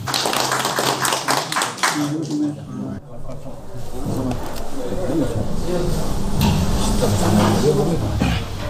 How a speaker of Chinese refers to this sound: 可以，咱们就鼓掌吧。